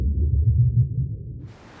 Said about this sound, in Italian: Utilizzando microsottomarini, il sistema Stop Collision rileva il canto delle balene, le localizza in tempo reale e comunica la loro posizione ad ogni imbarcazione.